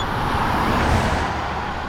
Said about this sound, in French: Ouf. Les roues de la voiture sont passées à seulement quelques centimètres du hérisson.